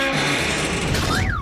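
Neil, a young male elephant seal, smashing a car: a loud, continuous crunching and grinding racket with harsh metallic tones, and a wavering high whine rising and falling near the end.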